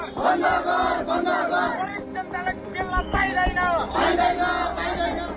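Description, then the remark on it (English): A large crowd of protesters in the streets of Kathmandu, Nepal, voicing anger at Prime Minister Balan Shah, chants and shouts in unison, voices rising in loud rhythmic waves of slogans with overlapping cries, sustained and energetic throughout. “The slogans have changed, the crowds have changed. But the streets of Kathmandu are once again full.”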